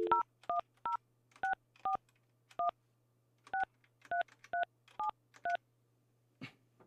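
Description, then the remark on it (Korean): A rapid sequence of about fourteen dual-pitch touch-tone beeps as a phone number is dialed again from the Far East Broadcasting station to call someone in Daejeon, each a short bright tone, over a faint steady low hum, ending with a brief click. “다시 한번 제가 한번 전화 한번 해볼게요.”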